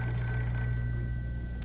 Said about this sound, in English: I'll answer the phone, my lord.